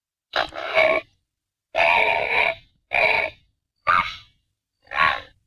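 Great blue heron calls: five loud, harsh, grating croaks with short gaps between them, the first two longer and rasping, the rest shorter and clipped. No voices.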